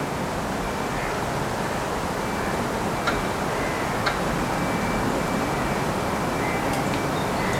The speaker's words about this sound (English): Two oaks creak, and the train moves by, and chains from a fence rattle in distance.